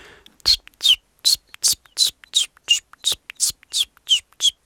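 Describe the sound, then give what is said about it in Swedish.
A person imitates a common chiffchaff's song, whistling about eleven short, evenly spaced high notes in a steady alternating rhythm with a breathy, whispery quality. “Jag har varit i Göteborg nyligen och där sjöng bland annat gransångar som är ganska sentida invandrare i södra Sverige. Hur låter den? Ja, ungefär så här.”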